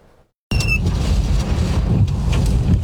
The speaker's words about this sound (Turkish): Bitlis'te de şiddetli rüzgarla birlikte oluşan hortum çatıları uçurdu. Hatta pek çok binada da hasar oluştu.